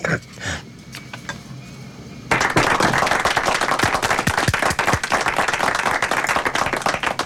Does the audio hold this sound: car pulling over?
no